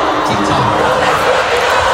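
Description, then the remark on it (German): A large crowd at a band concert in Munich roars and cheers continuously, a dense, loud wall of screaming voices filling the space with no pauses, like an arena audience erupting. “Was? Was? Schreit, das ist mein Lieblingsmoment.”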